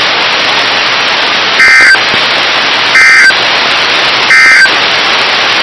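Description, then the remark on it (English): A weather radio warning alarm, broadcast as a test on station KIH 54 for the Birmingham listening area, sounds three short, evenly spaced electronic tone bursts over a constant bed of loud radio static hiss, with no one speaking. “This has been a test of the no-weather radio warning alarm device.”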